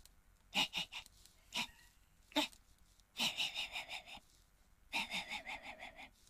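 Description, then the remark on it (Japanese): A person imitates a small dog barking far away late at night in a residential area: a few scattered high, thin yips, then two quick runs of about six yaps each, with no talking. “これかなり遠くから聞こえるってやつね。”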